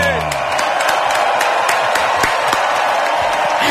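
Steady, dense applause from an audience, a continuous wash of many hands clapping at an even loudness with a few sharper claps standing out, and no voices heard over it.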